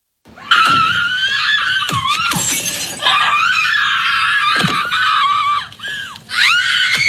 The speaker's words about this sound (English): Love the screaming part. Love it.